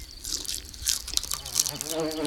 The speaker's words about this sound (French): Oh, une mouche. La mouche tourne autour de la tartine de pain. Peut-être qu'elle a faim.